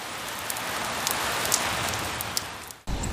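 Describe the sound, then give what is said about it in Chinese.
Heavy rain mixed with hail pours down in a dense, steady roar, with scattered sharp impacts cracking through, during a night thunderstorm with thunder and lightning in Daming County, Hebei. The downpour cuts out for an instant near the end, then resumes. “话音未落，顷刻间天空雷声大作，电光频闪，一阵强降雨夹杂着冰雹倾泻而下。”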